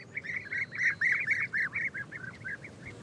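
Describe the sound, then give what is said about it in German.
A rapid series of short, rolling calls from European bee-eaters repeats in quick bursts, clear over a faint outdoor background. “wo es viele Blüten und somit auch Bienen gibt, sind die prächtigen Bienenfresser nicht weit.”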